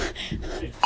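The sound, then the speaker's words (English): Background voices murmur briefly before a loud, steady electronic alert tone from a phone suddenly cuts in at the very end, sustained and piercing, as everyone receives the notification at about 1:59 and 50 seconds. “This is 1:59 and 50 seconds, just before we all received the notification.”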